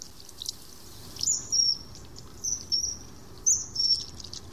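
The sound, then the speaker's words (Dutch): A very high-pitched call from a bird with a reddish-orange breast and blue back repeats three times, each a pair of thin, piercing peeps, standing out clearly over a faint, steady background hiss with no talking. “Piep, piep. Het is een heel hoog piepje, hè, zeg maar.”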